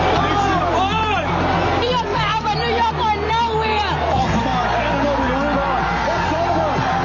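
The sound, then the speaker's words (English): A large crowd in New York City cheers and shouts after the New York Knicks win the NBA championship against the San Antonio Spurs, ending a 53-year drought. A dense, unbroken roar of many overlapping voices whoops and yells at rising pitches, loud and steady for the whole stretch. “That is what the end of a 53-year drought sounds like.”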